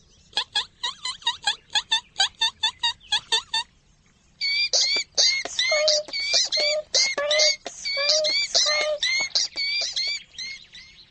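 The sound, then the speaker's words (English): A voice imitates a mouse on the run with a quick run of about a dozen sharp, high squeaks, then after a brief pause launches into a denser, longer stream of shrill, loud squeaking chirps. “squeak like a mouse on the run.”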